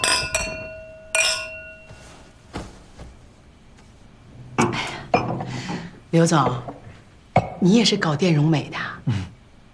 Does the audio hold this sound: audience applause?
no